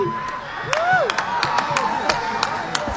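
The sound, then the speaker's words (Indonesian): Scattered audience clapping at the closing of the 48th Bali Arts Festival (Pesta Kesenian Bali) in 2026, a few sharp claps spread irregularly over a steady crowd murmur, with a brief rising whistle or whoop partway through. “Tepuk tangan untuk penonton.”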